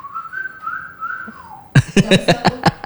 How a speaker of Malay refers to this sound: Nyoba siul gitu ya.